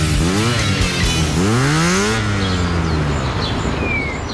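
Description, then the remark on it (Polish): A motorcycle engine revs up twice in quick rising sweeps in an advert for the Honda D&D motorcycle dealership in Wrocław, then settles into a loud, steady rumble that gradually fades as the bike pulls away. No one speaks. “Honda D&D, autoryzowany salon i serwis motocykli.”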